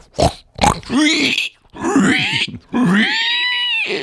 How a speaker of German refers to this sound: Ja, das ist ein Schwein. Oder eine Sau. Fängt beides mit S an.